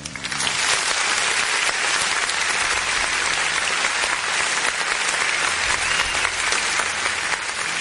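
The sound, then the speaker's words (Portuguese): An applause sound effect played by the production team at the press of a button on a TV program, congratulating the Federal District Military Police officers: a dense steady clatter of many hands clapping at an even, loud level for several seconds, with no voices standing out. “Aperta o danado desse botão aí. Aplausos, parabéns aí pros nossos policiais, produção!”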